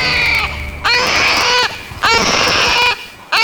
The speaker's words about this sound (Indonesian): Tangis sang bayi memecahkan keheningan di hutan belantara. Nampaknya perempuan tua tersebut melahirkan seorang bayi laki-laki